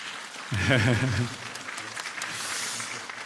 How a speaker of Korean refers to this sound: 예, 예 여기 계시네요. 박수 한번 좀 보내주십시오.